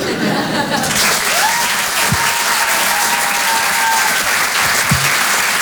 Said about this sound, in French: On peut applaudir très très fort, lui aussi,